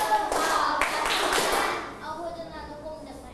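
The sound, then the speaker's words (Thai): Several sharp hand claps in quick succession as children in a class clap on a teacher's count, loud bright bursts that fade into a quieter stretch with faint background murmuring. “ดังนั้นปรบมือ2ครั้งพร้อมกับปลายทางเลยปรบมือ5ครั้ง5ครั้งไม่พร้อมปรบมือแล้วมองสบตากับคุณครูกันด้วย5ครั้ง”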